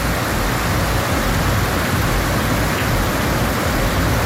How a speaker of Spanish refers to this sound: Llovió bastante y nos mandan un videito. A ver, escuchamos.